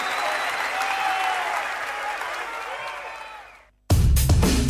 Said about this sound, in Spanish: Un aplauso